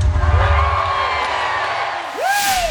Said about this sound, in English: Crowd sounds good, though. They were enjoying it. Of course. I mean, wouldn't you? You know, they're Fantastic. Not booing.